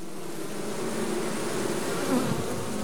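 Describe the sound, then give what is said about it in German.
A dense, continuous buzzing of many honeybees in a swarm, a steady droning hum with fluttering overlapping wingbeats, even in loudness throughout, with no voices. “Dann verlässt die alte Königin den Stock und nimmt etwa die Hälfte der ArbeiterInnen mit.”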